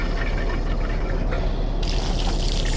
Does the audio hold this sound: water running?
yes